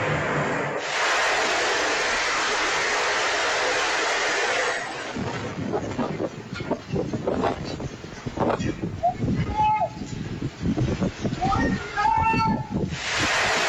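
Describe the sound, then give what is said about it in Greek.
Recorded by a security camera in a ground-floor shop, a heavy, roaring rumble as a metal canopy collapses onto the roadway and vehicles on Grigoriou Lambraki Street, Piraeus, during bad weather, then scattered clattering and crackling as raised voices call out over the settling debris. “Ένα απότομο βαρύ βουητό ακούγεται καθώς η κατασκευή υποχωρεί και τα μεταλλικά της τμήματα παρασύρονται προς το έδαφος.”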